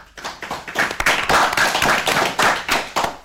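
A group of children, mostly tenth-grade students, applauding a student's speech, many hands clapping in a dense, continuous patter with occasional sharper claps, lively, with no talking over it.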